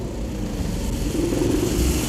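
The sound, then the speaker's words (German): A motorcycle engine rumbles steadily at low pitch, growing slightly louder as it follows from behind, with no voices over it. “Du, ich glaube, uns verfolgt ein Motorrad.”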